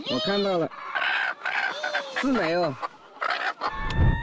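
chicken clucking

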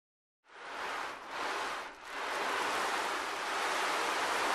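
ocean waves

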